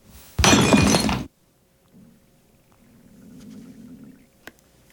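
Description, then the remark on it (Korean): A white ceramic jar holding bone ash falls from someone's hands and smashes on a hard floor with one loud, bright burst of shattering, pieces flying everywhere, followed by a quiet low rumble and a single small clink as a fragment settles. “하얀 단지가 깨져 사방으로 날아가고 바닥에 뼈가루가 흩어졌다.”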